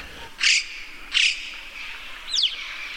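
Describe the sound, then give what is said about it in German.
Mountain corvid calls, whistling and hissing rather than crow-like caws: two short, breathy hissing bursts about a second apart, then a quick pair of thin, downward-sliding whistles, clear over faint background noise. “Ganz anders als unsere Krähen ist es dann eher so ein Pfeifen und witziges Zischen und andere Laute.”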